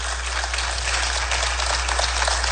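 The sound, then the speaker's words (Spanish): An audience applauds the Lord steadily, a dense, continuous patter of many hands clapping at once, holding an even, moderately loud level throughout with no voices above it. “Inmediatamente, sí puede aplaudir al Señor.”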